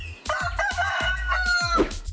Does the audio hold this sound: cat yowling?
no